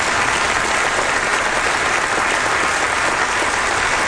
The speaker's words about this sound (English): Amen? I think you should clap again.